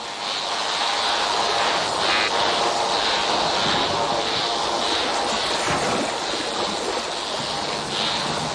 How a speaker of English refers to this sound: The sounds we're listening to were recorded underwater at Australia's Great Barrier Reef.